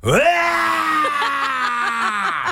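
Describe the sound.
A voice imitates a manual car, driven by someone who cannot drive a stick shift, straining as it pulls away: a loud, rising groan that settles into a sustained, slightly wavering engine drone for about two seconds, then breaks off.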